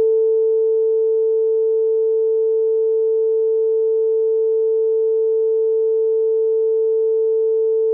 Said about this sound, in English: but if you Google his name, do you want to bleep me for a minute? Yeah.